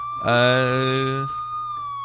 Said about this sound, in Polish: O, jakieś syreny, przepraszam.